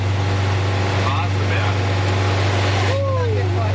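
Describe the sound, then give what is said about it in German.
An old vintage bus engine drones loudly and steadily as it labours slowly up the Waseberg hill at a snail's pace, a deep continuous rumble that fills the whole recording, with faint indistinct voices now and then. “Da ging es hoch im Schneckentempo mit ziemlich lautem Motor.”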